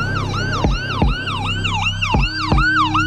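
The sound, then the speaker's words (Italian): A loud ambulance siren wails in quick, repeating rising-and-falling swoops as ambulances and emergency vehicles rush to a sandwich shop in Salisbury, England, on Sunday 4 March 2018, with low traffic rumble and a few heavy thuds underneath; no one speaks. “Ambulanze e mezzi di soccorso accorrono a sirene spiegate nei pressi della paninoteca Gregga.”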